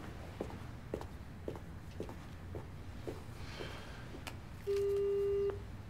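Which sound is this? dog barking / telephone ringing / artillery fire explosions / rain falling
telephone ringing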